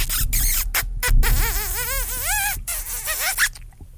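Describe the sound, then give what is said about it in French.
Several loud kiss smacks right into the microphone, with squeaky, wet sucking chirps stretched between them and no talking. “T'as vu, c'est un bec, il a collé un peu.”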